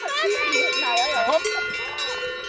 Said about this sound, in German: Jetzt kommen die Kühe mit dicken Eutern raus. Also die Galten. Die haben den Zaun aufgemacht. Jetzt sortieren die mit dicken Euter aus.